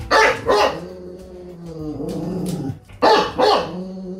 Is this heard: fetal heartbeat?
no